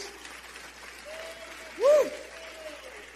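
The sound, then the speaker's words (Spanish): A crowd applauds Jesus steadily for a few seconds, a dense wash of clapping, with a brief louder swooping tone, like a whistle or cheer, cutting through near the middle. “Dale fuerte ese aplauso a Jesús.”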